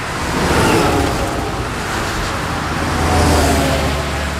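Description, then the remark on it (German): Steady roar of heavy truck traffic on a German Autobahn, with vehicles swelling past twice and a deep engine rumble underneath. No one speaks. “LKW auf der Autobahn, auch das ein interessanter Bereich für Automation.”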